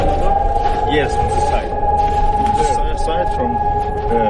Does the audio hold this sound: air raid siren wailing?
yes